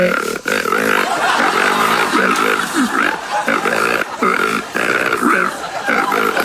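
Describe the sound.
A loud hog call: a rough, guttural voice bellowing and grunting in pig-like tones, with several wavering calls run together over about six seconds and no ordinary talk.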